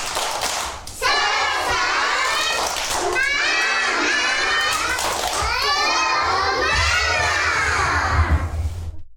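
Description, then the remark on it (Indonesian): A group of kindergarten children from TK Care Learning Center in Tanjung Pinang, Indonesia, loudly chant a 'tepuk semangat' clapping chant together. Their voices rise and fall in a rhythmic pattern punctuated by hand claps, continuing without pause for several seconds. “Oke, supaya lebih semangat lagi, coba kita tepuk semangat lagi yuk. Tepuk semangat.”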